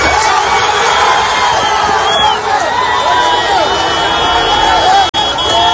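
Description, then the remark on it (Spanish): A chaotic crowd of many voices shouting and calling out at once at an earthquake rescue in rubble of iron and bricks, loud and continuous, with urgent cries rising over the din as someone trapped below shouts to be heard, and a brief sharp break near the end. “Quiero que escuche, Sergio, este momento en el que alguien desde ahí abajo grita para que le oigan.”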